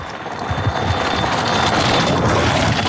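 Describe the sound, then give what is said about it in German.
Loose metallic clinking, presumably a nut and washer slowly working loose from each other, runs through a loud, steady mechanical drone, with quick irregular ticks across the whole stretch and no voices. “Das ist vermutlich ein Mutter und ein Unterlagsscheibe, wo sich langsam voneinander verabschiedet, bis sie dann schlussendlich einander einen Abschiedskuss geben und Boing!”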